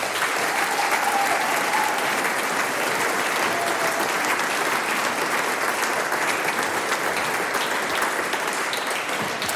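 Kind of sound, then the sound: crowd, audience applause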